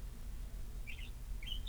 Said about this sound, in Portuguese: Passarinho aí tá cantando, que tá uma beleza, viu, menino? Bonitão aqui, ouvindo aqui realmente o Poder da Notícia, mandando um abraço pra você, né? É. Do programa. Cantando e encantando o Poder da Notícia.